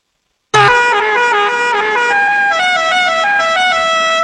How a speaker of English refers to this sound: That is Rodney Dangerfield's car in Caddyshack. Rodney Dangerfield pulling up to the country club with that horn in Caddyshack.